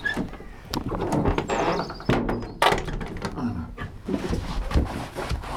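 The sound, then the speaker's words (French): A heavy fake armored door made entirely of scrap iron, partly from an old hatch, creaks open with a thin squeal, then rattles and clanks shut with a couple of loud thuds amid clattering metallic noise. “C'est une fausse porte blindée, hein. Elle est très impressionnante parce qu'elle est toute en ferraille, mais voilà, elle est assez simple en fait.”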